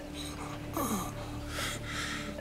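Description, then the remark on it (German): Strained, heavy breathing: a raspy, wheezing gasp followed by a longer rough breath, with a steady low hum in the background and no talking. The person is being urged to breathe calmly. “Ganz ruhig atmen.”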